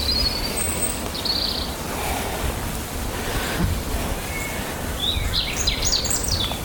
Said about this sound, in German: Wir dürfen auch den Vögeln lauschen.